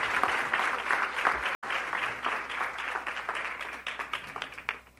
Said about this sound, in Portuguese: Uma forte salva de palmas para ela.